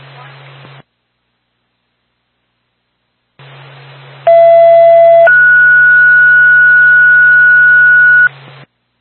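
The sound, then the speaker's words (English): A two-tone dispatch radio page calling the Woodsville ambulance backup to a medical call in Woodsville: a short lower tone steps up to a longer, higher steady tone lasting about three seconds, loud and clear over crackly radio hiss that cuts in and out. “Burns State Woodsville Ambulance Backup, second tone, second call”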